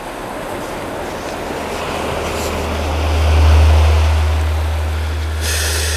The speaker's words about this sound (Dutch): Ik hoor een beetje geroezemoes in zee.